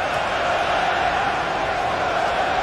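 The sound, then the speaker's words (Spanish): A large stadium crowd roars and shouts continuously at a Belgium versus Egypt football match, 16 minutes into the first half, a dense, steady wall of many voices blending together with no pauses, loud throughout the few seconds. “16 minutos del primer tiempo, Bélgica, Egipto. Mira cómo gritan.”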